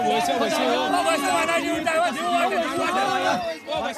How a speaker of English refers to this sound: Be patient, chants a man amid the excited crowd as the year-long wait is finally about to end, before they jump into the waters to try their luck.